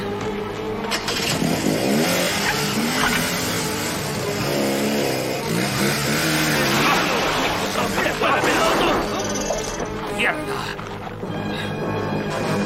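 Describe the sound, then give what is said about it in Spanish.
A truck engine cranks to life and revs hard, its loud, rising and falling roar filling the scene while people shout over it. “¡Cuidado, este carro es peligroso!”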